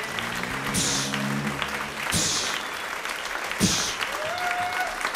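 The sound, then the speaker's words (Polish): A studio audience applauds steadily for several seconds, a dense wash of clapping hands with a few brief voices or whoops rising over it, at a live performance in the Agnieszka Osiecka studio of Polish Radio Trójka. “Wszyscy brawo. Wszyscy bicie brawo.”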